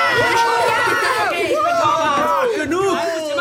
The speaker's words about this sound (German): Und jetzt messen wir, wie laut es ist, wenn ihr alle durcheinander schreit.